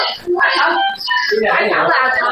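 A newborn baby cries loudly and close by, in two or three long, strained wails with brief breaths between them, filling the whole moment.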